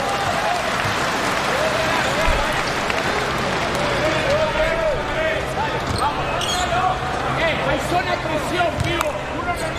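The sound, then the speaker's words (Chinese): A steady wash of audience applause and crowd noise at a basketball game involving the Chinese team runs through the whole stretch, the crowd clapping to encourage player Li Hongquan, with a basketball thudding and voices speaking over it. “没关系，掌声鼓励一下李洪权，加油加油！”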